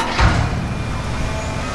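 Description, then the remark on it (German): Street construction work on Königsbrücker Straße in Dresden's Neustadt, between Albertplatz and Bischofsweg, with excavating, shoveling and stones being dug out: a heavy scraping clunk, like a digger bucket or shovel striking ground, opens over a steady, noisy mechanical rumble that carries on throughout, with no voices. “Da wird gebaggert, geschaufelt, es werden Steine ausgehoben.”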